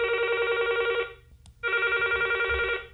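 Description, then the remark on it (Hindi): A telephone rings in two long bursts separated by a short pause, loud, with a steady buzzing electronic trill and no talking. It is a listener's call coming in to a radio phone-in programme. “हमें इंतज़ार है आपके फ़ोन कॉल्स का।”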